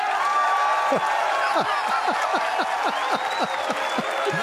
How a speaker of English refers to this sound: These gags keep on coming. This is another round of applause.